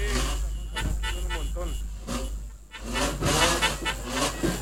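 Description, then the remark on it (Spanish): Classic car engines rumble and rev as the cars roll by outdoors in a parade celebrating a national anniversary, with a steady low drone underneath and an amplified voice talking over the passing traffic. “aquí el Club Entre Ruedas, en los distintos autos clásicos que también forman parte de este festejo por un nuevo aniversario aquí de nuestra patria.”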